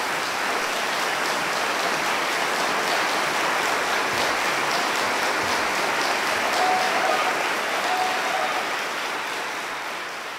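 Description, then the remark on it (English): Sustained audience applause at a live recording of a performance of Shostakovich's Piano Trio No. 2 in E minor, a dense steady wash of many hands clapping at an even loudness for about ten seconds, easing slightly at the end, with no voices standing out. “Well, it's a live recording and I was expecting to hear applause.”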